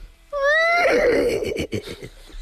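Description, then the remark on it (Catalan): A person's voice imitates a horse whinnying: a loud, high-pitched cry that rises, then breaks into a shaky, fluttering series of pulses before trailing off after about two seconds. “Un cavall?”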